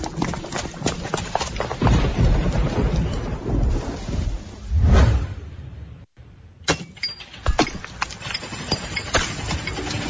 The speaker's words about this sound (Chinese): 哎呦，这怕啥就来啥，这说下雨就下雨啊。